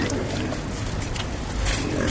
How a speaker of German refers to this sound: Rund 30 Schweine grunzen fröhlich, als Ayman ein Eimer mit Essensresten über den Zaun wirft.